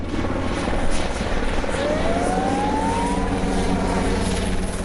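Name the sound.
helicopter flying overhead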